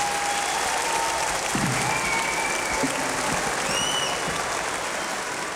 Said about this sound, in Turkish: Bütün alkışlarınız.